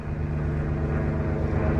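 A steady, droning airplane engine of a plane flying overhead toward Miami hums continuously, a deep rumble with a strong low tone that holds at an even, fairly loud level throughout, with no voices.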